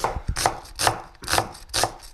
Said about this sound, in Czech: Jarda krájí cibule, ale kdybyste viděli, to není nůž, to je sekáček, to je malá sekerka kuchyňská.